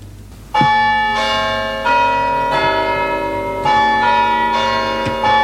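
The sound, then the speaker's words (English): A church bell chimes repeatedly and loudly nearby, each strike ringing out with long, shimmering overtones that overlap the next, in a steady slow rhythm with no voices present. “A nearby church bell chimes.”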